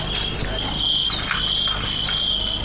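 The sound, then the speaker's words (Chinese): A cricket chirps steadily in a high, continuous trill throughout, clear, over a low background rumble with faint scattered noises. “玩蛐蛐也有70年了。”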